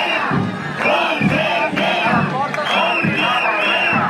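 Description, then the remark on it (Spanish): A large crowd of protesting teachers, marched from central Valencia to the gates of the Consellería, chants in unison, loud rhythmic shouted phrases repeating roughly every second over a steady roar of voices, demanding the gate be opened. “Por cierto, mientras se producía esa reunión, al filo de la una ha llegado a las puertas de la Consellería una nueva manifestación masiva del profesorado que ha partido del centro de Valencia.”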